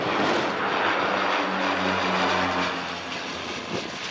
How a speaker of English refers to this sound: Astonished residents watched iconic Canadair firefighting planes, typically associated with fighting southern fires, working for the first time in the Paris region.